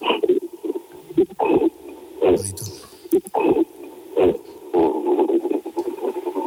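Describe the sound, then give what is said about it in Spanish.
A person imitates a gorilla's guttural throat sound, a series of low, rough, rumbling grunts in short bursts, fairly loud with brief gaps between them. “Como un que te sale de la garganta, un... Oye, ¿lo puedes hacer otra vez, que estoy flipando?”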